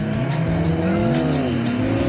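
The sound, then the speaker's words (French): Steve's 1000-horsepower Honda Civic race car launches hard on the tarmac, its engine roaring loudly and climbing in pitch, with squealing tires under the steady, high-powered revving. No voices are heard. “Alors me voici à nouveau sur le tarmac, à ma droite Steve avec sa Honda Civic de 1000 chevaux qui m'a explosé tout à l'heure littéralement.”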